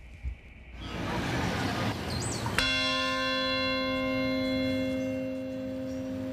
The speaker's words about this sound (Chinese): 曼哈顿下城响起一声钟声，召唤全国默哀。这是自从2001年9月11号起，每年纪念的6个关键时刻中的第一个。